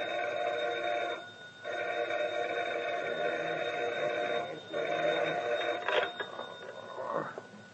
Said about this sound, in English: At dawn the next morning, the phone rings at McCurdy's home.